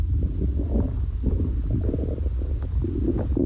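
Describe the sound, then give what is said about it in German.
A long, low stomach growl from hunger, heard through a half-open door, rumbles and gurgles continuously for a few seconds, fairly loud, with bubbling, churning pulses and no voices. “Ihr hört bestimmt meinen Magenknurren durch die halb geöffnete Tür.”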